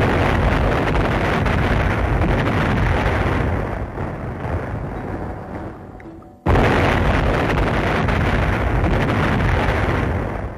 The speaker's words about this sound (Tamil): எங்கிருந்தோ வெடித்த குண்டு அதன் அசுர காற்றை நாங்கள் பதுங்கி இருந்த இடத்திற்கு வீசியது. நாங்கள் ஆளுக்கு ஒரு மூலையில் தூக்கி வீசி எறியப்பட்டோம்.